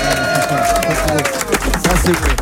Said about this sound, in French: On est avec toute l'équipe de Basque 13, champion de France s'il vous plaît, de National 3. Oui, pouvez-vous applaudir?